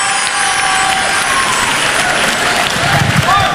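Steady, dense audience applause fills the whole stretch, a loud wash of many hands clapping with a faint whistle-like tone and some crowd noise mixed in, as candidate number 7 is called before a jury in a contest watched across La Réunion.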